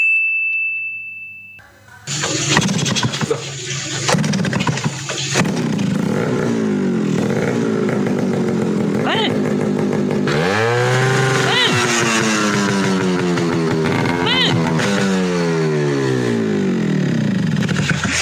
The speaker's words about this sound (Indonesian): niki lho mbah nembe jajal knalpot brong.